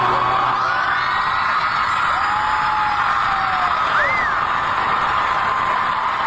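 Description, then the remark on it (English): A packed crowd at a sold-out concert roars without letup, a dense wall of cheering with whoops and high yells rising above it, loud and sustained for several seconds. “And listen to this crowd here.”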